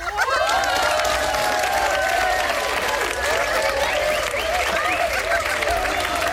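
A group claps steadily for about six seconds, the dense patter of applause staying loud and even throughout, with excited voices and cheers rising and falling underneath.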